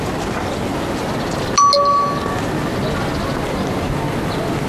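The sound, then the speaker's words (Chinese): A single bright phone message-alert ding, announcing an incoming text message, rings out over a steady background hum, its clear tone ringing briefly before fading within about half a second. “是小北，小北发来的信息。”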